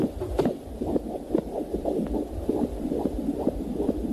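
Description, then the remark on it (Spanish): A rapid fetal heartbeat heard on an ultrasound Doppler scan very early in development, steady whooshing pulses repeating quickly over a low, muffled rumble. No voices, just the continuous rhythmic throb. “Estamos escuchando el latido de un corazón en una ecografía, o sea, estamos hablando de muy en los primeros momentos.”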